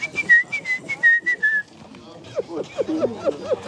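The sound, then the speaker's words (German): A person's vocal tics: a run of short, repeated whistles in quick bursts, followed by a string of squeaky, throaty vocal noises with no clear words. “Als die Konzentration nachlässt, kommen die Ticks zurück. Pfeifen und Geräusche, die mich an ein Meerschweinchen erinnern.”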